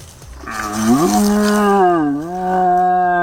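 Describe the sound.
A man, Croatia's champion deer caller, imitates a young red deer stag's rutting roar by blowing into a horn: one long, deep, harmonic bellow that rises, dips in the middle, then swells again, loud and sustained for about three seconds with no talking.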